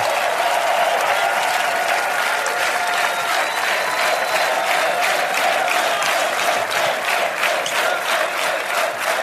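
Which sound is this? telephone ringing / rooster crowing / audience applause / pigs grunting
audience applause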